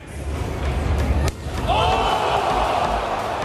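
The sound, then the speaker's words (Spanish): A single hard, sharp face slap in a slapping contest cracks out over a noisy crowd, followed by the crowd swelling into loud shouts and cheers. “Comienzan las cachetadas.”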